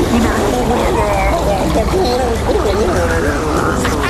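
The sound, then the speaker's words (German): A steady rush of sloshing, splashing fresh water for rinsing the mouth after tooth brushing pours continuously for several seconds, loud, with warbling voice-like tones drifting over the noise. “Aber dafür kommt jetzt noch eine Ladung frisches Wasser für dich.”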